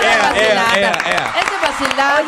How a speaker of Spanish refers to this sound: Oye, aplausos.